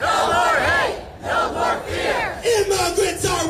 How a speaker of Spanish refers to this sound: Precisamente protestas en el estado de Maine, en la ciudad de Portland, que se han repetido también en otros puntos de Estados Unidos para pedir el fin de este cuerpo migratorio.